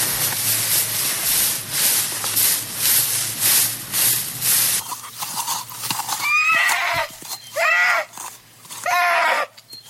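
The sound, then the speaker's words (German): Quick, steady hoofbeats of a horse on the move give way to several loud whinnies, each a shrill, wavering neigh with brief pauses between them. “Los, voll dringend gehört mir wieder das Wiehern.”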